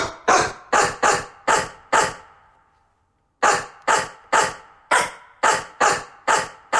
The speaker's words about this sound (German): Ja, hat schon mal eine gute Stimme, oder? Und so klingt's, wenn wir uns Horsts Bellen schnappen und daraus einen bekannten HR4-Hit zaubern.